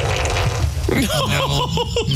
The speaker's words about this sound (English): No. That was the unmistakable sound of a wet fart. I mean, let's close your eyes and listen again to see if it sounds like Velcro in any way, shape, or form.